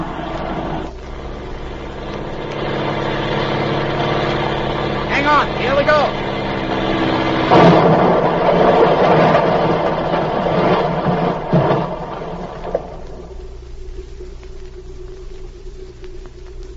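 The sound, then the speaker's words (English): A small airplane engine drones steadily as the plane swings into the wind to land on a field, swelling into a rough, louder surge midway before easing to a low, quieter hum near the end, with a short spoken line over the noise. “Swing into the wind. We're landing.”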